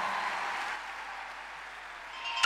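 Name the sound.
audience applause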